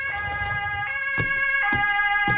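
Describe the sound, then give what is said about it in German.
Emergency sirens from an ambulance and police car at a café blare with steady, piercing tones over a low traffic rumble, broken by a few sharp bursts of noise. No one speaks. “Sieht ja übel aus. Krankenwagen und Polizei.”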